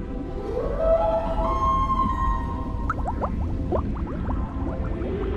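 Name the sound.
whale vocalization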